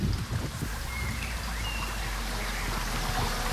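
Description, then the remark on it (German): A forest brook rushes and babbles steadily, heard through a listening funnel beside the stream, a broad continuous watery hiss with low gurgles and wind through the leaves, while faint bird chirps slide in and out above it. “Man hört eigentlich das Rauschen des Baches einfach etwas lauter.”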